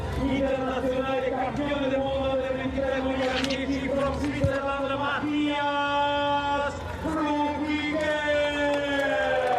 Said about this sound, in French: Eh oui, l'acclamation du public pour Mathias Flückiger, habitué des gros résultats, habitué des podiums et qui va espérer à 37 ans venir chercher quelque chose, bien sûr, devant son public.